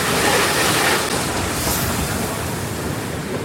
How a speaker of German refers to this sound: Einer der Sonderzüge vom Darmstädter Hauptbahnhof nach Darmstadt-Kranichstein, an dem an diesem langen Wochenende die Kranichsteiner Bahnwelttage stattfinden.